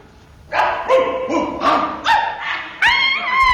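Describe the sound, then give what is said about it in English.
Long-haired sheepdogs bark one after another in a rapid sequence of about seven loud barks, each with a slightly different pitch, numbering off in turn from the right in a military way. “40 long-haired sheepdogs. Which one is he on? I'll soon find him. In a military way. Dogs from the right number.”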